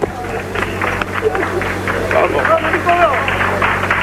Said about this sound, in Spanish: Este aplauso lo dice todo